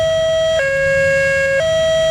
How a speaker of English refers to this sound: Jefferson and Clear Creek counties are joining Douglas County by shifting to the high-low siren system like you hear in Europe.